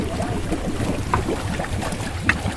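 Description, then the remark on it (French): The motor of a small waste-collecting boat, designed in France by the Efinor company, rumbles steadily as it collects floating waste in the Baie des Anges, with light splashing and lapping over a continuous low drone, and no voices. “Cyril Castello du groupe naval Efinor nous donne les caractéristiques de ce petit bateau.”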